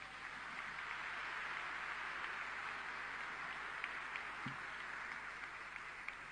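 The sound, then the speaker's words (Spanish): A crowd claps steadily in a dense, continuous wash of applause lasting several seconds, with a few sharper individual claps standing out and no one speaking over it. “Creo que se merecen, y nos merecemos todos, un fuerte aplauso.”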